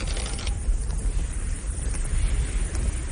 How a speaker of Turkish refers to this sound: Çadırları bile söküp attı rüzgar.